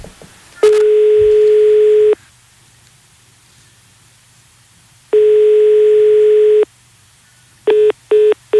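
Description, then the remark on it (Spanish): A telephone ringback tone sounds twice as a call is placed, each long buzzing tone separated by a pause of silence, then switches to quick, short busy-signal beeps as the called person hangs up. Loud. “A ver, espera, que estoy llamando.”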